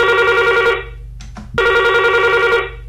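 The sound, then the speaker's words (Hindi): A telephone rings twice in loud, buzzy bursts, each lasting under a second, separated by a short pause with a faint background hum throughout. It is the first listener calling in to a phone-in song request program. “देखते हैं आज हमारे पहले कॉलर कौन है।”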